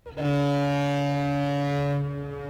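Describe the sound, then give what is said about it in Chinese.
A cargo ship loaded with new wheat gives one long, deep, steady horn blast with strong harmonics as it departs on the Yangtze River, sounding loud before cutting off, leaving a low ambient rumble. “长江滔滔奔流不息，一艘艘满载新麦的货轮鸣笛起航，沿着长江干流和支流驶向天南海北。”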